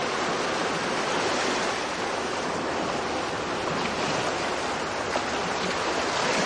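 Steady, dense roar of sea surf washing onto a shore, loud, with a continuous hiss and no distinct pauses between waves; no voices.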